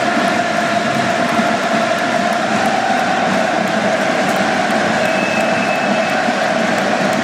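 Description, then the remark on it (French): A large stadium crowd in the end stands cheers and applauds the Marseille players as they approach the south stand after the match, in a dense, continuous roar that stays loud and steady throughout, with no one talking over it. “Et écoutez les amis, les virages là qui acclament littéralement les Marseillais qui se rapprochent du virage sud, c'est rare après le match.”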